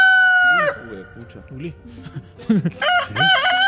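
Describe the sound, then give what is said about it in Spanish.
An old rooster named Claudio crows loudly, its strained, harmonic call ringing out at the start and again near the end, with low talking murmuring in between. “Ah, le pusieron el gallo.”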